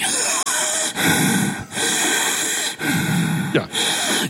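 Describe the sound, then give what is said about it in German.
Someone takes several heavy, rasping breaths in, loud, each one drawn out with short gaps between, like a deliberate performance of labored breathing. “Mann depressiv ist, bittet um deutlich hörbares, schweres Einatmen.”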